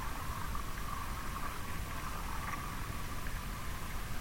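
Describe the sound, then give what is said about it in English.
Faint, steady crackling static from the ionosphere, a continuous hiss with soft irregular pops and a slight tonal hum, even in level throughout with no voices, picked up away from urban electric infrastructure with no human-made interference nearby. “we hear this cracking, this small cracking, which is actually from the ionosphere.”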